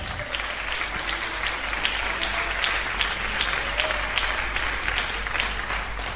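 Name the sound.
audience applauding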